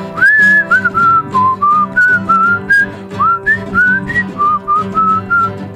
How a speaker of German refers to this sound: Ich pfeife.